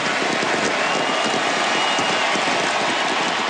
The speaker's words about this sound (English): The roar of the Buenos Aires crowd for Lionel Messi last night. He played his final game for Argentina on the international stage.